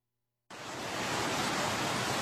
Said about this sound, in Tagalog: Ipamati tablang audio sa para sa mga nagapamati sa radyo, gapamati sa ilang mga car stereo subong or sa cellphone, pamati tablaw ang audio kasing gitan ang tagiyas ang balay sa barangay Igdalagit na Tobias Fornier Antique bangod sang pagbaha.